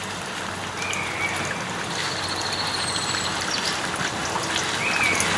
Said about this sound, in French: Ambiance au mois de juillet à la Coulonche, avec cris de rapaces, bruit d'eau qui coule près de la fontaine. Et bruit un peu parasite d'un robot de tondeuse.